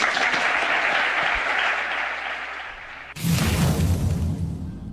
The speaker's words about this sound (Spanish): Orgullosos de que vuelva uno de los mejores entrenadores del mundo, un madridista como es José Mourinho. Un aplauso.